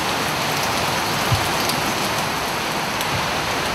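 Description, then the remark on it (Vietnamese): Steady rain falls in the village of Ban Mai in a dense, even hiss, fairly loud, with a few soft drops tapping on a surface. No voices or other sounds break the constant wash. “Lúc này bản mại đang mưa, cảnh buồn càng gợi nhớ về quá khứ.”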